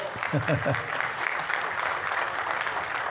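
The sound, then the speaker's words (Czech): An audience claps steadily throughout, a dense, even patter of many hands at moderate volume, with a voice briefly audible underneath at the start. “Zatleskejte mu.”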